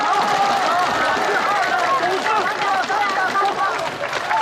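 An audience applauds steadily without pause, the dense clapping blending with a hubbub of many voices and some cheering throughout.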